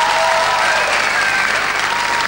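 An audience claps steadily for a band in a dense, continuous wash of applause that stays loud and even throughout, with no voices standing out above it.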